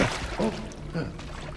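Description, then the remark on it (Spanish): Water pours in a steady, splashy, continuous stream, while a voice briefly murmurs a couple of short sounds over it. “Sí, agua.”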